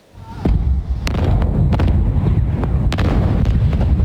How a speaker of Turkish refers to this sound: Ekrana gelen görüntüler Tayvan'ın Tainan kentinde kaydedildi. Endüstriyel atık depolama tesisinde meydana gelen iki patlama ortalığı bir anda cehenneme çevirdi.